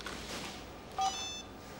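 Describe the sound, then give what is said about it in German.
A single short electronic beep from a mobile phone keypad press sounds once, followed by a faint high tone that quickly fades. No one speaks. “noch einmal und ich nehme Ihnen das Handy weg.”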